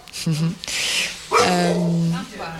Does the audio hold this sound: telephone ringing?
no